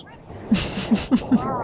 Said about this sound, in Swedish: Där. Där hör vi det. Det var jippirop och... Ja, jajamän.